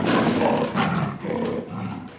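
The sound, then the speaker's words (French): A big cat's roar sound effect, loud, rumbling in a few long, rough surges over about two seconds with no one speaking, played as a joke about leopard-print sandals. “Quand tu marches, tes pieds rugissent, quoi.”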